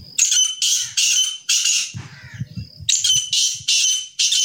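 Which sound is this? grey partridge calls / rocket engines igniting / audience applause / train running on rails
grey partridge calls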